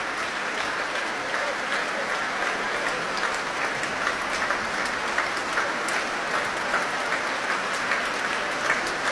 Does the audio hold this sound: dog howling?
no